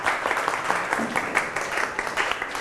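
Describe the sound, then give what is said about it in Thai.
A group of students clapping for themselves during a lesson on seed germination, a dense, steady patter of many hands sustained throughout with no pauses, fairly loud and bright, with a few faint voices mixed in. “เก่งมากปรบมือให้ตัวเอง”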